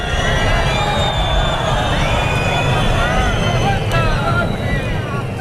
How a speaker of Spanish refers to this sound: Han sido hasta 8 segundos de pitidos, gritos, que han llevado incluso a la organización del acto a llamar por megafonía a guardar el respeto y la debida compostura a las instituciones y los alumnos en formación.